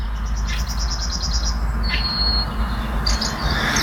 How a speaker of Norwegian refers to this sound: Hør på denne fuglekvitteringen da.